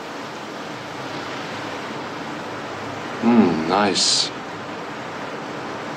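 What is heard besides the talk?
flowing river water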